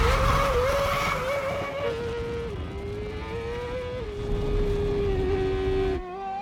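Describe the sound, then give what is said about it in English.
A Formula One car's engine screams at high revs as it sets a benchmark lap time on a track before a head-to-head race, rocketing past 180 miles per hour. Its pitch holds then steps through several gear changes, loud and unbroken until it drops away abruptly just before the end. No voices. “The F1 car will rocket past 180 miles per hour and go the furthest distance.”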